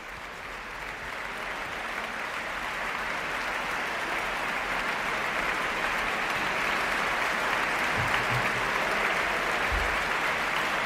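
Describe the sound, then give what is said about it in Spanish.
A concert audience applauds the Orquesta Nacional de España and conductor Irene Delgado Jiménez after a performance of Beethoven's Symphony No. 2 in D major, Op. 36, with sustained, even clapping that holds at a steady loudness throughout, a dense wash of many hands with no voices standing out. “La orquesta aplaude a la directora Irene Delgado Jiménez, que saluda a los cabezas de familia de la Orquesta Nacional de España, pone en pie a la orquesta y el público aplaude la interpretación de la Sinfonía número 2 en re mayor, opus 36”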